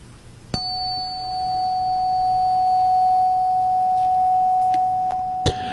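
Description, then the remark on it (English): A single struck tone rings out sharply, then holds as a steady, pure sustained pitch for several seconds with a faint higher overtone, ending with a brief clink. “And now we're going to listen to this pure tone that's going to activate our third eye chakra.”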